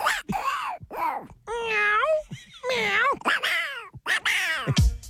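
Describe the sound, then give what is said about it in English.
A man in an office mimics a cat's meows alternating with raspy, Donald Duck-like squawks, a rapid string of exaggerated calls with brief pauses between them. “Guy in the office that talks like a cat talking with a duck.”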